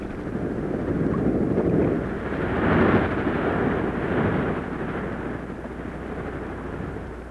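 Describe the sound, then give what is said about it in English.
A deep, continuous roar of sea waves, rising in a few slow swells before easing to a steady rush, with no voices. “But all of us who live near the sea can listen to the majestic roar of the waves on its surface.”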